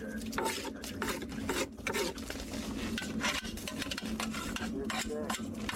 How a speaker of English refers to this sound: As the crane comes up, the jaws open, and the mud is scraped out with soup spoons into buckets, and then transferred into sifting boxes, where it's sprayed with water to reveal what's in it.